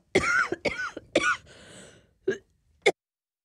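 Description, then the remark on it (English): Someone coughs three times in quick succession, followed by two shorter, separate coughs after a brief pause. The coughs are fairly loud, with no talking. “Excuse me a second, I've just got a cough.”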